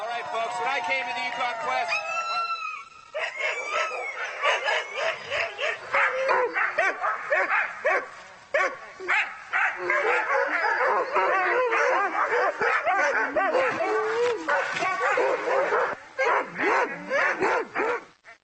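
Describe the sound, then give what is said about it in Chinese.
A loud, crowded chorus of Alaskan husky racing sled dogs barks, yips and whines excitedly almost without pause in the morning before setting off on a multi-day race, with high howls and whimpers overlapping into a continuous, frantic din. “今天早上所有狗都很高兴，他们肯定感觉到这是个重大的离别时刻。”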